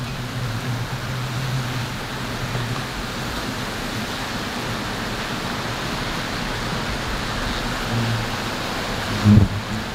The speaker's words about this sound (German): Aber jetzt wird's gleich laut. Über den Schlauch sprüht Reinhard Metz das Insektizid ins Nest.